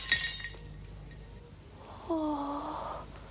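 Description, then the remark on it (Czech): A sharp, bright crash of a porcelain figurine shattering, with high ringing shards for about half a second, followed after a pause by a brief low, wavering tone. “Dědeček se rozbil na kusy.”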